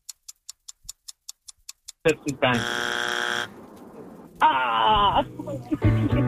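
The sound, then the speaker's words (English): A quiz show countdown ticks steadily about ten times, then a loud, harsh game buzzer blares for about a second, followed by a second buzzy blast and excited voices. “That was our buzzer. That was the buzzer.”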